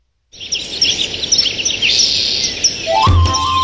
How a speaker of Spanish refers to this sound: ven a escuchar qué bonito cantan los pajaritos.